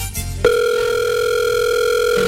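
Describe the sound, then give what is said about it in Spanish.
A steady electronic ringback tone sounds through a phone line, starting after a brief muffled bump and holding one continuous, fairly loud beep for nearly two seconds before cutting off. “¿Pero no sabes a la que estamos llamando?”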